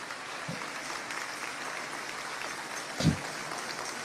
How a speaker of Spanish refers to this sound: Aleluya, un aplauso al Señor.